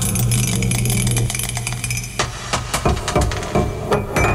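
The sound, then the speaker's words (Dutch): Dice clatter and tumble in a quick, irregular series of sharp clicks and taps, following a steady low hum during the first couple of seconds. No one speaks. The roll comes up number 3. “5 is nog een keer dobbelen.”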